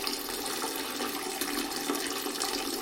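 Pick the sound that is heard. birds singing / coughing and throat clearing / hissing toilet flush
hissing toilet flush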